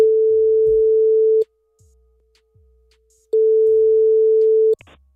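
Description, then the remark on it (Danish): A telephone ringback tone sounds twice while calling a prize-draw winner's number: steady, clear electronic beeps lasting over a second each, separated by a pause, with faint low thumps in between and no talking. “Jeg har fået et nummer her, som er vinderen, og nu håber vi altså, at det vedkommende tager telefonen.”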